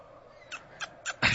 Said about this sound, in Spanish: ¿Qué es eso? No, es un pajarito, ¿no? Puede ser,